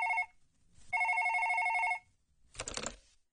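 A telephone rings with a trilling electronic tone: a brief tail of one ring, then a full ring lasting about a second, followed by a short rustling clatter like the handset being picked up.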